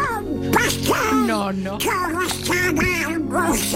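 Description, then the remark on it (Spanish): A raspy, nasal cartoon duck voice quacks and sputters in a fast, garbled stream of duck-like babble, steady for several seconds, performed by the voice actor of a well-known cartoon duck character. “tu padre es el Pato Donald”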